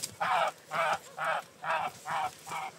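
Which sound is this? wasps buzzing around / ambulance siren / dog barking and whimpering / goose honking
goose honking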